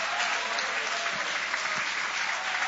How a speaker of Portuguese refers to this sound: Pode tomar o vosso assento, guarda a Bíblia com carinho e podem aplaudir, podem adorar, podem glorificar.